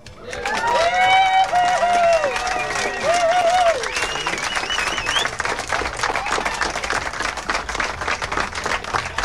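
A crowd at a prize-giving event breaks into loud, sustained applause for a man, with dense, steady clapping, while wavering cheers and whoops ride over it for the first few seconds before the clapping carries on alone.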